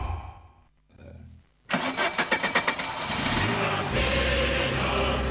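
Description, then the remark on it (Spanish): A car engine cranks with a rapid, labored grinding rhythm, sputtering for a couple of seconds before catching and settling into a steady, loud running rumble. “Me parece que tu auto está pidiendo a gritos una visita a lo del ruso.”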